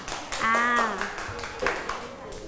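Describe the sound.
A quick run of hand clapping by students in a lesson, applauding a correct answer, several sharp claps at a steady pace, with a short voiced tone rising over the start of it.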